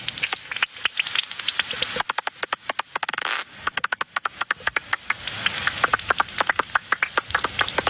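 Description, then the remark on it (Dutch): Calls of common pipistrelle bats flying around, rendered as rapid, dry ticking clicks over a steady hiss, speeding into dense bursts and briefly a near-continuous buzz before settling back into irregular pulses. “Dit is dus de gewone dwergvleermuis.”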